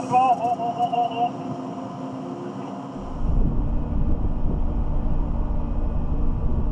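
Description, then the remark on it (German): A ferry arrives at the neighbouring terminal: a deep, heavy engine rumble swells in about halfway through, its low throbbing drone beneath a faint, steady mechanical hum. “Ausgerechnet jetzt kommt die Fähre im Nachbarterminal an.”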